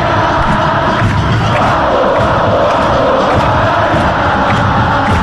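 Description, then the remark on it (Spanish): A huge stadium crowd at a football match roars continuously with three minutes left in extra time, shouting and singing together in a dense, loud wall of voices, with faint rhythmic thumps from people jumping beneath the chanting. “Quedan 3 minutos y la gente salta, grita, canta.”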